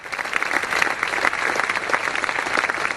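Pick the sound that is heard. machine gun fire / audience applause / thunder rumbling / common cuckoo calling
audience applause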